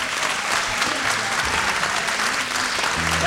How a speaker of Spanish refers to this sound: Un fuerte aplauso.